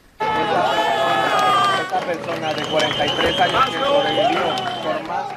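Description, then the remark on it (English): A crowd cheers and shouts loudly, many voices overlapping in a dense, excited roar that starts suddenly and holds steady for several seconds, with a few raised voices standing out above the din, as crews rescue a 44-year-old man trapped under concrete after a shopping mall parking lot collapsed in an earthquake in Venezuela. “You hear all of the cheers there as this 44-year-old man who had been trapped beneath 9 meters of concrete after a shopping mall parking lot had collapsed is being rescued finally.”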